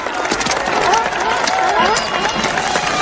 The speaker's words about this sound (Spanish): Demos un gran aplauso